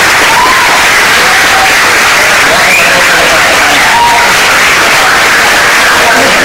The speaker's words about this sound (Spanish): El verdadero protagonista de este evento, que sois vosotros y Benjamín. Así que un aplauso para Benjamín.